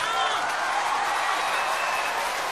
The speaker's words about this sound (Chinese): 谢谢，谢谢大家的热情掌声，谢谢。我相信这个掌声不只是给我的， 肯定不是。